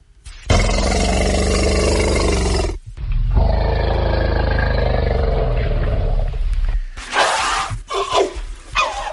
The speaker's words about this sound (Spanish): Bueno, resulta que ahora hay otra forma de lenguaje que a mí me sorprendió mucho porque yo no la conocía, y que incluso tiene un contenido más preciso del que hablábamos recién. Me refiero al gruñido del elefante.